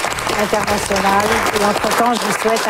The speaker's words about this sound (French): Les mots de la fin enterrés par les applaudissements.